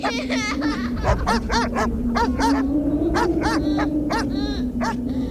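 Several skinny mongrel dogs at a housing-container settlement on the edge of Rattighüffen bark and yelp in quick, overlapping bursts over a steady low mechanical hum that runs throughout. No one speaks.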